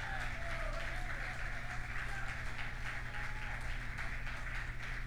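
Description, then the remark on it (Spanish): During a Spanish-language sermon, an audience applauds God steadily for about five seconds. It is a dense, even wash of many hands clapping together with no pauses, over a low constant hum. “Apláudalo si lo va a aplaudir.”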